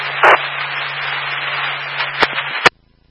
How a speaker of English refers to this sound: We didn't catch any of that. It was all static.